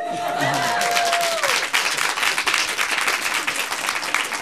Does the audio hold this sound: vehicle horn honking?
no